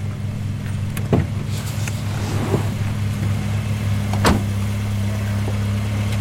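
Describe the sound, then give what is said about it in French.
A car engine hums steadily, its low drone constant throughout, with a couple of sharp knocks or clicks over it, as the car starts up again and pulls away. “Quand la voiture a redémarré”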